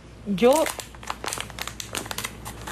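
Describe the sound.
A plastic package crinkles as it's opened: a burst of rustling near the start with a brief voiced sound, then a string of short, sharp crackles and crinkles that continue irregularly to the end.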